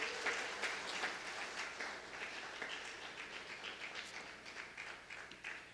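A church audience applauds, many hands clapping in a dense, steady wash that holds for several seconds, with no voices standing out.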